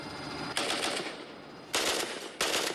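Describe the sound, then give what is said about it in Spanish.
Three short bursts of rapid automatic gunfire, fired on the command to fire toward three o'clock, each lasting around half a second or more, punch out over a steady background hiss with brief pauses between them. “De acuerdo, a las 3. Fuego.”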